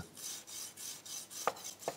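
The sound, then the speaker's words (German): A knife crunches through crispy duck breast skin in steady, rhythmic rasping strokes, about six in two seconds, with two sharp clicks near the end. No one speaks. “Und jetzt hört man schon, wie das so knuspert.”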